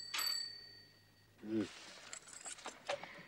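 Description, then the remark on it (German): A bright bell rings once near the start, its metallic tone lingering for about a second, followed by a short low sound and then scattered soft rustling and voices. “Aber Kind, ich muss doch, wenn klingelt.”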